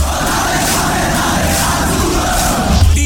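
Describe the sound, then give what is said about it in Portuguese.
A large crowd of Goiatuba (Azulão do Sul) football supporters roars and shouts together in a dense, continuous wall of sound, loud and steady throughout with a slight swell at the end. “O grito do nosso torcedor faz a diferença.”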